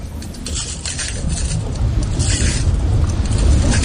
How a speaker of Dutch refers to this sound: We lopen over een oude lavastroom. Die is al hard geworden. En als we er overheen lopen, dan breekt die af. En dat geeft een knisperend geluid. Het afbreken van die lava. Het klinkt een beetje als het breken van glas.